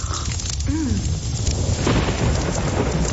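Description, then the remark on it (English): Heavy winter rain in Victoria pours down in a steady, dense hiss while deep thunder rumbles underneath, holding loud throughout with no voices, just a brief faint warbling tone early on. “Kind of pouring.”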